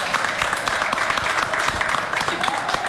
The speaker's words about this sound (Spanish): Aplauso, aplauso, aplauso, aplauso.